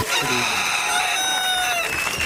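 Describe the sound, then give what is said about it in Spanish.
A rooster crows as an alarm-clock sound effect, one long, loud, strained cock-a-doodle-doo with a bright, wavering harmonic call that holds steady before trailing off, with no talking over it. “El despertador.”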